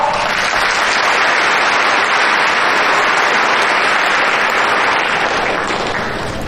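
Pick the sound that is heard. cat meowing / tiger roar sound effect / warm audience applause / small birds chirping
warm audience applause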